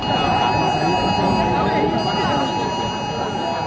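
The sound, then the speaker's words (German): Several phones blare an emergency test alert tone at full volume, even those set to silent, a loud, steady, piercing beep that holds throughout over a noisy, crowded background with indistinct voices. “Ja, die Handys, die piepten hier tatsächlich auf maximaler Lautstärke.”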